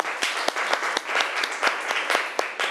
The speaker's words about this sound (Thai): ขอเสียงปรบมือให้ตัวแทนจากกลุ่มที่3ค่ะ